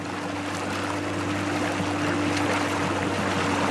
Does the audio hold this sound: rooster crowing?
no